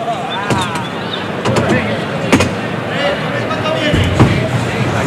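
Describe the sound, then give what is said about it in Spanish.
A Victorino bull in a bullring slams into the wooden boards (tablas) several times, giving sharp, heavy thuds at uneven intervals over a steady crowd murmur and a talking voice. “El toro más, y remata con fuerza el toro en la madera, en las tablas.”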